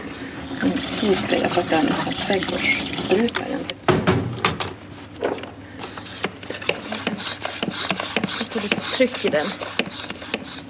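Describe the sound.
Liquid raw umber pigment trickles and splashes as it's poured into a spray bottle, a steady pour running for several seconds, with someone talking over it.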